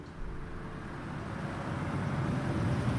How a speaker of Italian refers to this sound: Chiasso, rotonda tra via dei Pedroni e via Alessandro Volta, traffico, motori, nausea. Costante, continuo, perenne, incessante, interminabile, frastuono, a cui siamo, a cui sono assuefatto.